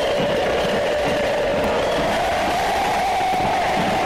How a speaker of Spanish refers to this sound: Respuestas del público de Belgrano ante el micrófono que empuña ….